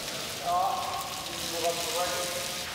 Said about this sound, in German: Vielleicht hilft ja eine kalte Dusche. Die kann auch bei Elefanten anregend wirken.